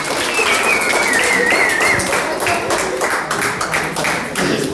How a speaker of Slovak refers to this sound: Takže ešte jeden potlesk, prvé miesto.